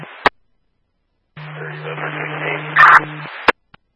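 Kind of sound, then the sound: signal or alarm, radio static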